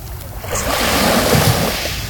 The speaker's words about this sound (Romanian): Și văd aici un litoral desăvârșit, marea impecabilă.